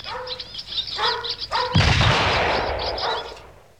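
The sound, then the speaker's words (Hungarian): Birds chirp and twitter for a moment, then a single loud gunshot booms, its echo rolling and slowly fading while the birdsong continues faintly. “Majd távol tartom, és közben lövöldözöm a seregélyeket.”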